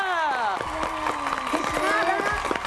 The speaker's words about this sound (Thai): นี่เขาเสียงปรบมือ